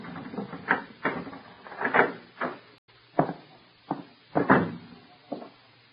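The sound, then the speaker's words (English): A key rattles and clicks in the front-door lock of a darkened house overhanging the sea on Long Island, followed by a series of sharp clunks as the latch turns and the door is pushed open, with no voices. “She gave me a key and made me unlock the door.”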